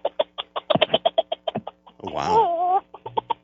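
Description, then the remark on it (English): A voice imitates a bantam rooster calling its hens in: rapid, rhythmic clucking pulses, a short warbling call in the middle, then more quick clucks, clear, with a brief exclamation. “It starts out when he's calling the hens in, when he goes.”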